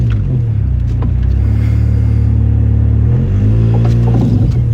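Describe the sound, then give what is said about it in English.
A car grinds and crunches against a Ford Escape it is stuck on while trying to pull forward, a loud, steady low mechanical roar with a few sharp scraping bursts, the pitch shifting partway through; no one speaks. “Oh, you hear all that crunching?”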